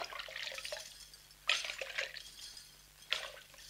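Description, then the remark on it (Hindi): Water splashes in a few quick bursts, two sharper splashes standing out over a soft, steady watery trickle, with no voices, as water is brought for a woman who has fainted. “दीदी दीदी ये लो पानी।”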